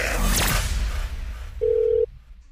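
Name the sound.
telephone dialing and ringing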